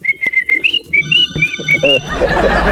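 Someone whistles a quick, bouncy tune in short, clear, high notes that step up and down in pitch, with a louder rushing noise taking over at the end.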